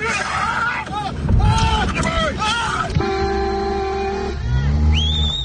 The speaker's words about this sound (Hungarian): Jabálással és tülköléssel próbálják elzavarni az anyamedvét, amely rátámadt egy autóban ülő emberre. Az egyik hírtelevízió felvétele bejárta az internetet az utóbbi napokban Romániában.